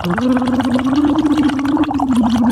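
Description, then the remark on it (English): Someone blows bubbles through a straw into water in a cup while humming a steady, mid-pitched tone as a vocal exercise, producing a continuous burbling, gargle-like sound that lasts a couple of seconds at a fairly loud level. “So what you do is every hour we have to, I want you to sort of blow into the straw, but vocalize and make some bubbles, but also vocalize.”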